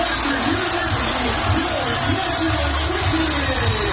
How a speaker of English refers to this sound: And the crowd goes wild, as you can hear there. More than 8,000 fans at that game.